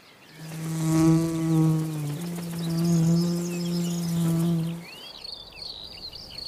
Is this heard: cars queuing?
no